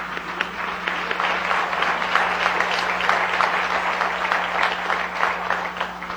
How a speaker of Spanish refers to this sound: Bienvenidos. Sí, un fuerte aplauso.